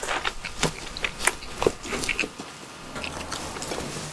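Someone eating bread, stuffing it into the mouth until both cheeks bulge, with quick, moist chewing and biting sounds, a run of soft irregular crunches and smacks over a low steady background hum, with no talking.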